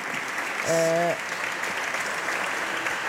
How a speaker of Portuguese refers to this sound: Preto no branco, o voto contra do Partido Socialista à proposta do Governo de alteração ao pacote laboral, deputado agora a ser aplaudido de pé pelos colegas de bancada.